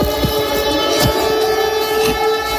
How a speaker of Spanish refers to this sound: Esto que estamos escuchando son las sirenas antiaéreas de Lublin, en Polonia, que se han activado ante la posibilidad de que uno de esos misiles pudiera haber ingresado en el espacio aéreo polaco.